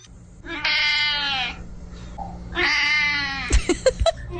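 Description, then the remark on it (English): Two long, drawn-out cat meows, one after the other, loud, followed by a few short sharp clicks and thumps, heard with a mention of the 10th annual Cat Video Fest, 73 minutes of cat videos showing at Cineplex and Landmark in Calgary. No one speaks. “This weekend, the 10th annual Cat Video Fest. 73 minutes of nonstop cat videos.”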